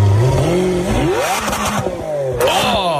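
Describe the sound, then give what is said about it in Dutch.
A Lamborghini sports car engine revs loudly as it is started and driven, its pitch climbing through rising gear sweeps with a brief dip before surging again, no voices over it. “Toen gingen we in de Lamborghini van Reinier rijden.”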